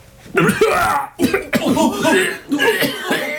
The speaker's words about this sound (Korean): 뒷줄에 서 있는 한 사람이 심하게 기침을 하며 자리에 주저앉았다. 그의 입에서 피가 뿜어져 나왔다.